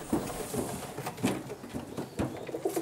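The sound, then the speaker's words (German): Several pigeons coo softly in low, throaty bursts, overlapping in a busy loft-like chorus, with faint rustling and occasional sharp taps or wing flutters mixed in. “wie viele Tauben hast du eigentlich insgesamt?”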